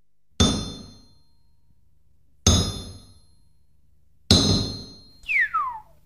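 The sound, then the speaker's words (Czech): A heavy blacksmith's hammer clangs on iron three times at a slow, even pace, each strike loud and ringing out. After the last blow, a high tone sweeps quickly downward. “Tu máš nejprve to menší kladivo, ať se mi tu nestrhneš.”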